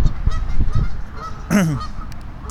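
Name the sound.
geese honking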